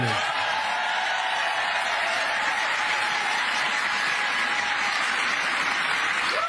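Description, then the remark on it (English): A room full of people applauds and cheers a speaker who lists the reasons he doesn't love America. It is a steady, dense wash of clapping hands and voices holding at a loud, even level from start to finish, with no one speaking over it. “Can you imagine a room full of people cheering at a guy who lists all the reasons why he doesn't love America?”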